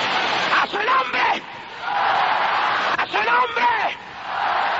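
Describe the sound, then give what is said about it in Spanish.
A large church audience shouts and cries out together in the spirit during worship in a loud, sustained roar, with individual voices rising in bursts of whooping above the dense crowd noise. “Oiga, la mejor noche que oído este pueblo gritar en el espíritu.”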